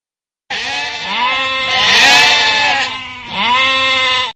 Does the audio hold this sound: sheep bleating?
yes